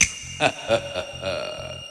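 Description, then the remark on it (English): A quick series of sharp finger snaps, about four in an even rhythm, fairly crisp, over a soft steady background hum with no talking. “When I snap my fingers, you'll all be drinking a nice cold glass of beer.”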